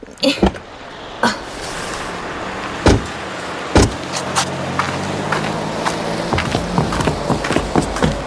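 Doors of a car parked in front of a music shop clunk open and shut as people get out, amid rustling and shuffling movement, several sharp thumps spread over a few seconds against a low steady background hum.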